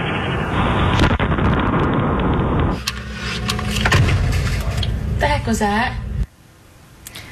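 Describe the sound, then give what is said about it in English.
A sonic boom from a meteor exploding as it entered the atmosphere over New England, captured on home security video: a loud, deep rumbling blast lasting a few seconds, followed by rustling and agitated bird chirps as birds fly off, before it drops to quiet background. “That was a sonic boom.”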